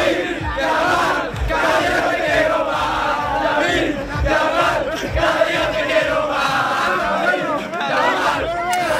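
A large football crowd in Madrid, Spain's capital, chants and shouts in unison after Spain beat England 2-1 in the final, calling out for the young striker Lamine Yamal in 2024; a dense, continuous roar of many voices with rhythmic rises and swells, loud throughout with no pauses.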